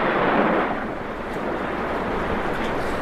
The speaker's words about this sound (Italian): Ed improvviso arrivano appunto le prime piogge, le piogge quelle che segnano un po' la fine dell'estate, segnano l'avvicinarsi di settembre.